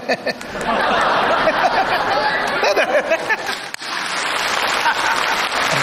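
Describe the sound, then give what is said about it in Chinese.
An audience of young people breaks into sustained applause for a bald performer, a dense, steady patter of clapping that holds at full strength for several seconds, with a brief dip partway through and faint laughter mixed in. “哎， 还真给光头孝心鼓啊！”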